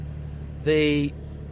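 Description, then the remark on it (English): A sports car engine idles with a steady, low exhaust rumble throughout, and a brief, louder tonal burst rises over it for about half a second midway. “It just spins the car up straight away and starts the engine, and then you get that great sports exhaust as well.”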